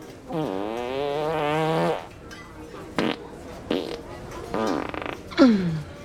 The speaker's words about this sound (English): … drinks soda, then burps. That's impressive. That was nothing.